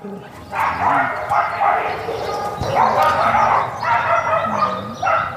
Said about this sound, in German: Und so ungefähr hört sich's an, wenn viele Tiere, meist Hunde, auf engem Raum zusammenleben, meist hinter Gittern und sich vielleicht wundern, wo eigentlich ihre Eigentümer abgeblieben sind.